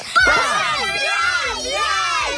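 A group of children shouts "Поздравляем!" (congratulations) together in unison as a birthday greeting, a loud, sustained burst of many high voices rising and falling in pitch over a couple of seconds.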